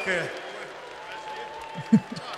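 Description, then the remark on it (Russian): A steady wash of audience applause after a stage vocal performance fills the background, dense and continuous, with a few muffled voices and low thumps breaking through near the end. “Слышно по громкости аплодисментов, как это понравилось аудитории.”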